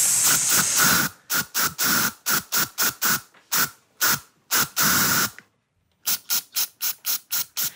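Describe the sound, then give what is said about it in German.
A deodorant spray can hisses in a long burst, then in a rapid series of short, rhythmic puffs, pauses briefly, and resumes with more quick bursts, loud and sharp with no voices, played as the Deo-Spray-Song des Tages segment of the Ö3-Wecker radio show. “So, jetzt aber, bitte, der Ö3-Wecker Deo-Spray-Song des Tages.”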